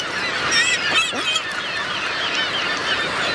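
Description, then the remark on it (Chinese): A dense flock of seagulls over an ice-covered sea calling over one another as a white-tailed eagle forces them to take off again and again, with overlapping squawks and cries filling the whole stretch at a steady, fairly loud level, no voices present. “亚成鸟的狩猎经验并不丰富，身强力壮的海鸥更难猎取，但空空的肚子催促它必须要有所行动。”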